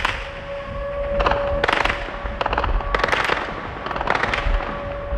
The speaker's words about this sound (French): En plein jour, hier, un drone ukrainien passe à basse altitude au-dessus du port. Les défenses antiaériennes ne le touchent pas.